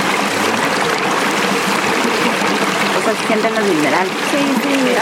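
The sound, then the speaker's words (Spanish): Carbonated mineral spring water trickles and splashes steadily, a continuous bright wash of flowing water, with faint voices murmuring in the background. “La gente de la comunidad viene acá solamente por llevarse su botecito de agua y irse probando.”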